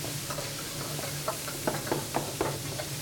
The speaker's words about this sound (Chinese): 哎，有人敲门啊！